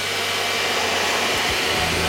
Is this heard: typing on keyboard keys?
no